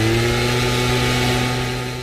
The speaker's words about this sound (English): And a gas-powered leaf blower.